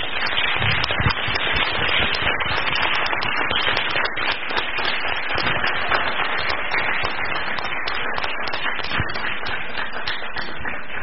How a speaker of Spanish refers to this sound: Como que intentamos dar un aplauso, estaría bueno que le diéramos el aplauso como debe de ser